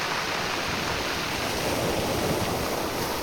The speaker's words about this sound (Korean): 파도와 몽돌이 만들어내는 소리 다채롭고 신비롭기까지 합니다.